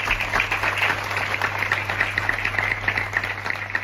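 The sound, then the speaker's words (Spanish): Sustained applause from the townspeople of San Vicente during a minute of silence held for a double sexist killing, a dense, steady patter of many hands clapping at moderate loudness throughout, with no voices standing out. “Son los aplausos de la ciudadanía de San Vicente.”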